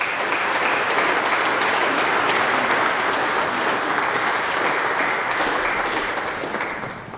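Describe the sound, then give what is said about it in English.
A church audience applauds a newly baptized little boy steadily for several seconds, a dense wash of many hands clapping at an even loudness that tapers slightly at the end, with no talking. “And so let us greet this kingdom child with our applause.”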